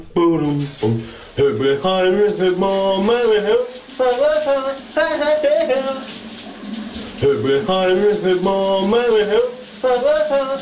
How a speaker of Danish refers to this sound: Hun har jo direkte forbindelse med vores … brusebad.